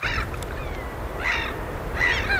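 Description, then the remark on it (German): Gulls cry out in short harmonic calls, two or three bursts over a steady low roar of surf and wind, somewhere on the Swedish coast in the middle of the night, broadcast live on Swedish radio. No one speaks. “Irgendwo an der Küste rauschen die Wellen. Möwen schreien im Wind.”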